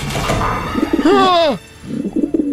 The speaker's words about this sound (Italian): i piccioni fuori dalla finestra non sono piccioni amichevoli, è un'imboscata.